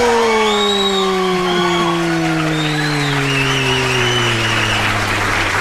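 Warm, steady applause fills the whole stretch, with no talking. A humming tone slowly slides lower in pitch beneath the clapping.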